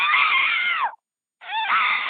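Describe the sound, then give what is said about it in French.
A voice mimics a squeaking bicycle rear wheel with two long, high, shrill squeals. The first slides downward at its end, then a short silence falls before the second squeal begins. “Hein ? J'entends rien ou pas ? Il y a ma roue arrière qui grince.”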